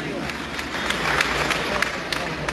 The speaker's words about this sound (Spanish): También darle un fuerte aplauso.